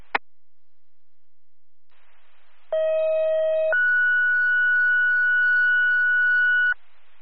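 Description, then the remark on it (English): A two-tone emergency dispatch pager alert, the second tones for Delhi EMS: a steady lower electronic tone for about a second, then a higher sustained tone held for three seconds, after a brief click and faint static hiss. “Delhi EMS, second tones, need your response.”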